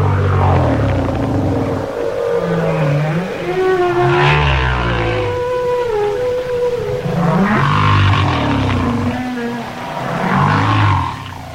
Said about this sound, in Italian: In effetti, alcune delle frequenze più basse percepibili nei mari provengono da quei giganti incredibili che sono le megottere o balene gobbe.